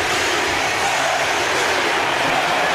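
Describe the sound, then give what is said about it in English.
A huge baseball stadium crowd roars and cheers in a loud, steady wash of voices after Pete Crow Armstrong's three-run home run, his third of the day, with hints of rhythmic MVP chanting rising within the din and no single speaker standing out. “Listen to this crowd.”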